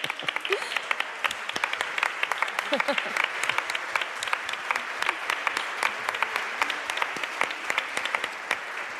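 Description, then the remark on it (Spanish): A crowd applauds steadily for several seconds for an audience member called up by seat number, a dense patter of many hands clapping at a fairly even loudness, with faint voices murmuring underneath. “Véngase, un aplauso.”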